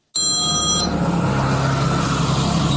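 A police officer's phone rings with a call from the FBI during a traffic stop in Riverton, Illinois, in April 2025: a brief, bright multi-tone electronic trill lasting under a second, over steady road or engine rumble that continues after the ring stops.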